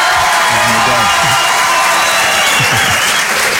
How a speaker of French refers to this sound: Applaudissements? Oui, c'est pour ça qu'on les laisse.